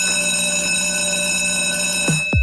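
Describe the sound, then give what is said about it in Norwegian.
In a radio advertisement for Nykøbing F-Teater, a bell rings continuously in a loud, steady metallic tone rich in high overtones, then cuts off with two quick falling swoops at the end. No voices are heard. “Det ringer ind til noget helt særligt.”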